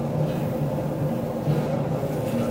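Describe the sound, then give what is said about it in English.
A steady, continuous low rumble inside the club car, the last car of a moving two-section passenger train, with a faint droning hum running through it and no voices, holding at an even, moderate loudness throughout. “That's the last one of this particular train. There are two sections of train.”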